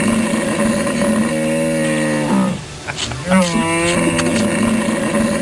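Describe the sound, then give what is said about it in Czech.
A man imitates a hippopotamus with deep, drawn-out bellowing grunts, two long harmonic calls separated by a short breathy pause, loud. “Já myslím, že velký, tlustý hroch. Ano, velký tlustej to sedí.”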